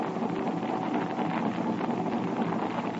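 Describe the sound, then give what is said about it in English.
A motor torpedo boat's engine drones steadily across the water at night, a constant rumbling hum blended with rushing wind and spray, holding at the same level throughout with no voices. “It could be a Thornycroft MTB.”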